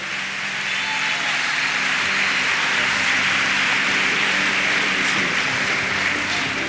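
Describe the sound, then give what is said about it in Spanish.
A crowd applauds steadily, giving applause to the Lord for the life of the prophet Víctor Hugo, a dense, continuous patter of many hands clapping at an even loudness for several seconds, with no voices standing out above it. “¿Por qué no le damos un aplauso al Señor por la vida del hombre de Dios, profeta Víctor Hugo?”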